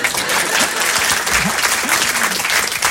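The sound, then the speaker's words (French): A large audience claps steadily and loudly for the whole stretch, a dense, continuous wash of hand claps with a few faint voices mixed in underneath. “Et lorsque c'est un bon public, j'applaudis.”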